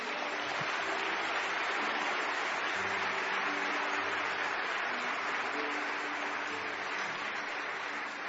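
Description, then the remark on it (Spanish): A church audience applauds the Lord steadily for about eight seconds, a dense, even wash of clapping with no break, while a faint low hum of sustained tones lies beneath it. “Denle un aplauso al Señor por esto.”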